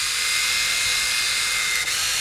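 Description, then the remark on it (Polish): A small electric shaver motor whirs steadily at high speed in its fast mode, a bright buzzing hum with a brief dip near the end, no talking. “Potem naciskamy jeszcze raz, mamy szybko.”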